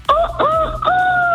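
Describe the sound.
A woman's voice imitates a rooster crowing, a loud, sustained cock-a-doodle-doo in three quick segments with the final note drawn out, no other talking around it.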